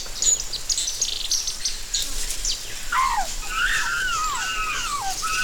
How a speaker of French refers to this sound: La vie foisonne. Écoute. Tu entends le bavardage des oiseaux?